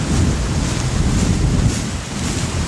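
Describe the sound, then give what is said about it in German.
A tractor pulling a trailer drives up over soft moorland to load large litter rolls as a thunderstorm gathers, rumbling steadily, its deep engine drone mixed with heavy wind buffeting the microphone. Nobody speaks. “Michael Eder kommt mit dem Traktor und einem Anhänger gefahren”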